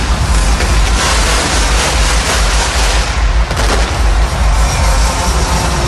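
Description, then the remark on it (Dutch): Ceremonial cannons boom amid a constant, loud wall of roaring noise, with one sharper blast standing out about halfway through, fired as new Feyenoord players arrive by helicopter. No one speaks. “Terwijl er nog maar wat kanonnen worden afgevuurd hier.”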